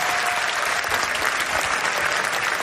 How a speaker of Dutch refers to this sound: Iemand die zo stoer was om het hier in het café te komen spelen. Mag ik daarvoor alvast een applaus, dames en heren.